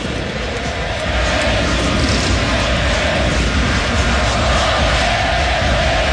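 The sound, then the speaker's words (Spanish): A huge stadium crowd at the Estadio Monumental roars, chanting "ole, ole, Messi, Messi" and applauding for Messi in a dense, loud, unbroken wash of sound that holds steady for about six seconds with no single voice standing out. “Una marca también importante para el 10, que acá recibe los aplausos de todo mundo en el Estadio Monumental. El ole, ole, Messi, Messi en las tribunas del Monumental.”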